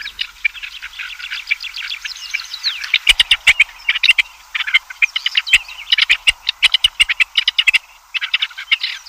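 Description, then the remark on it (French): Harsh, grating partridge calls repeat in quick rasping bursts, a dense chattering rhythm that runs without pause for the whole stretch, fairly loud, with no voices. “En Chine, comme en Europe, on a remarqué le désagrément du cri de la perdrix.”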